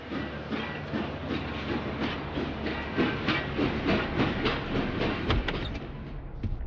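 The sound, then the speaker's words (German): A steam train hisses steadily at Bitterfeld railway station, with rhythmic chuffing and metallic clatter running throughout, fairly loud, with no voices. “auch am Bahnhof Bitterfeld.”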